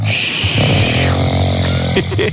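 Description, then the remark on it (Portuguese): A man snores loudly in his bedroom at 6:12 in the morning, a coarse, buzzing rasp that drags on steadily for a couple of seconds with no talking. “Olha ele roncando, ó.”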